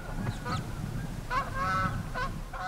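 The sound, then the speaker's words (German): A flock of brent geese on Amrum calling, with overlapping honks and nasal calls in quick, irregular bursts over a steady low rumble of wind or surf. No one speaks. “Doch das nächste Problem ist schon da. Ringelgänse.”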